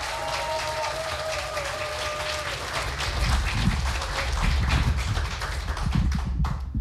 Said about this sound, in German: und wir kommen nun zu einem Mann aus Hamburg. Bitte heißt auch ihn mit einem 10-Punkte-Applaus hier vorne willkommen.